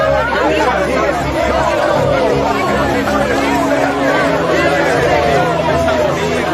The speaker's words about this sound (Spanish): Y gritaban con gran voz, pero también se tapaban los oídos, como si estuvieran fuera de sí.